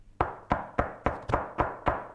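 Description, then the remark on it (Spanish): Seven firm knocks on a door in a quick, steady rhythm, each a sharp thud that fades fast before the next. No one speaks. “¿Sabés lo que es golpearle la puerta a Otamendi y ir a explicarle que sale?”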